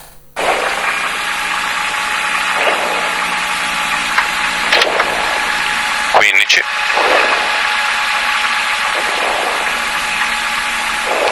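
A rally car engine roars loudly from inside the cabin during a shakedown run, a steady drone whose pitch surges and drops with several quick gear changes as the car accelerates.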